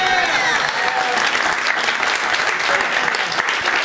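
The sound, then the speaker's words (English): A steady wash of audience applause, many hands clapping densely and continuously at a loud, even level throughout, with no pauses or individual voices standing out. “You better clap, because, girl, you know it's true.”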